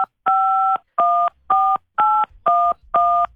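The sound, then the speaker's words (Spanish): A quick, evenly paced run of about six or seven telephone keypad tones, each a short steady dual-pitched beep with brief gaps between, clear and fairly loud, with no talking. “Muy bien, ya escuchamos que marcaste.”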